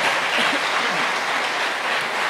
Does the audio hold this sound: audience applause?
yes